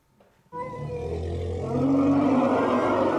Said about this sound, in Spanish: Las hembras de la manada emitían sonidos estridentes cuando Cintia, la parturienta elefanta, expulsó con un golpe seco a su cría con este grito desgarrador.